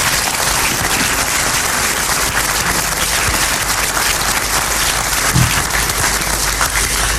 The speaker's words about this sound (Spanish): Ese mismo compromiso es el que hace posible, año tras año, la organización de esta muestra. Ahora sí les voy a pedir un fuerte aplauso para todos ellos.